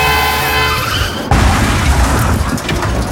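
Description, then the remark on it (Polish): A car's tires squeal in a sustained, high-pitched skid for about a second, then a loud crash hits, followed by clattering, crunching debris. There is no talking. “No i stało się. Spokojnie, takie sytuacje się zdarzają.”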